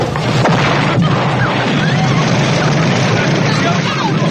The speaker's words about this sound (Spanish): Eso se interrumpe dramáticamente por el estallido de la bomba.